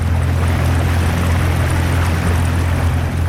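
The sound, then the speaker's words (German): A boat motor drones steadily with a low, constant hum as an underwater archaeology boat heads out onto Lake Sempach, where divers are working; water rushes and splashes along the hull, loud throughout, with no voices. “Und darum fährt das Boot von der Unterwasserarchäologie schon wieder in See raus.”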